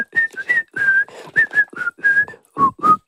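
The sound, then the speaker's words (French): A person whistles the theme tune of a show, a bright, bouncy melody, the notes coming in short rhythmic phrases with brief breathy gaps between them, and no talking. “qui siffle”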